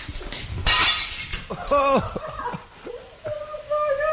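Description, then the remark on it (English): A loud crash of brand new ceramic plates being smashed and shattering in the first second, in a room like a giant cupboard full of smashed plates, with scattered tinkling shards, followed by excited voices shouting and exclaiming. “It's essentially a giant cupboard full of smashed plates.”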